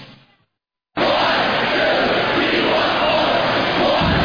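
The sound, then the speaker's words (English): A loud crowd of Wisconsin Badger hockey fans roars and cheers in a sustained, dense wall of voices after a brief quiet moment, continuing steadily without a break. “Badger hockey fan knows that cheer.”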